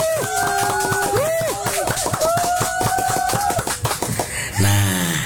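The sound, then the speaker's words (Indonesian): Clapping from an audience welcoming the opening of the Cita Bangsa library in Brebes, a steady run of sharp claps mixed with sustained musical tones that glide up and down, ending in a brief swell of louder sound. “Mari kita beri tepuk tangan yang sangat meriah.”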